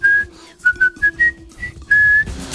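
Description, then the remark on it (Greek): A bright, steady whistled melody plays a short march phrase from the film The Bridge on the River Kwai in clipped notes, pausing briefly, then ending on a long held tone, with no talking over it. “Κάπως έτσι πήγαινε.”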